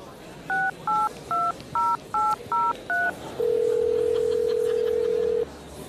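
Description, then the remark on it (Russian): Seven quick, evenly spaced keypad beeps of a phone number being dialed to call a grandfather, each a two-note electronic tone, followed by a long steady ringing tone. Faint background noise underneath. “Придется рассекретиться и позвонить деду.”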